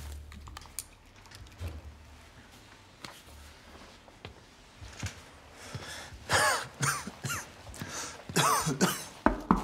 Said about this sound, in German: Wie kommt es, dass Sie Blut husten? Ich weiß nicht. Ich musste husten und plötzlich war da Blut.